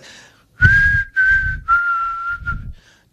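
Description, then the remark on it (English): Someone whistles a catchy pop tune, a clear, loud melody in four connected phrases with a breathy low rumble beneath each note, preceded by a couple of quick spoken words. “It's a pretty good whistle, by the way.”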